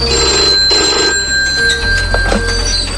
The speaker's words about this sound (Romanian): În fața lui, câteva aparate de telefon care sună aproape fără întrerupere.